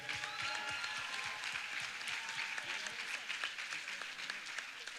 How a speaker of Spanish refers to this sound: Vamos, ese aplauso para Cristo, dáselo más fuerte a Él.